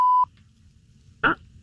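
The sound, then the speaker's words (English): A loud, steady electronic beep cuts off quickly, followed by a quiet low hum and then one more short, bright tone: telephone keypad tones as a phone number is dialed. No voices. “I'm going to dial her phone number right now, okay?”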